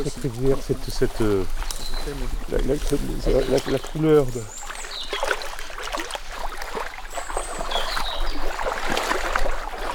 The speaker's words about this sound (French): Moi j'adore cette rivière